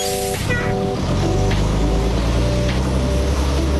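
A Wolfpack Wheels bus on the trip between Kunsan and Osan drones steadily, a loud low rumble with a tonal whine layered over it as the vehicle keeps driving, no voices present.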